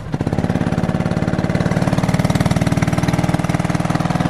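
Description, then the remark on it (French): A small go-kart engine runs loud at a kart track, its rapid, even putter holding steady throughout with a buzzy, rattling edge. No one speaks. “C'est prêt là, vas-y, fais-nous grogir ton moteur là.”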